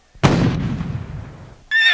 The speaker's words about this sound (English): Sound the cannon to signal the ferry boat.